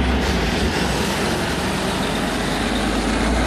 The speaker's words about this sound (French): C'est un camion qui quitte une usine pas comme les autres, près de Roanne, dans le département de la Loire.